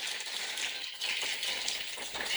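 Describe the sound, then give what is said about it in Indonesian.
A crowd applauds with dense, continuous clapping that holds steady and fairly loud for a couple of seconds, with a slight swell toward the end and no voices over it, at the Bintang Radio 2026 final of RRI Manokwari. “Boleh saya minta kita kasih tepuk tangan yang paling meriah.”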